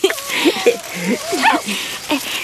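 A small dog lets out a quick series of high, yappy barks and yips, fairly loud, about six short calls in a couple of seconds with no talking over them.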